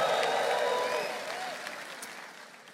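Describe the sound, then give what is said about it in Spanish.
A crowd erupts in cheering and applause as a shout of praise to the Lord, with scattered shouts and whoops rising over steady clapping that slowly tapers off. “Un grito de alabanza al Señor.”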